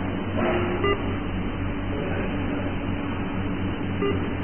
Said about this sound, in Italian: Io una ti voglio tanto bene, ma se continui a mandarmi questo messaggio qui, per mi viene bip. Che lo puoi sentire anche da te e non ti divertire.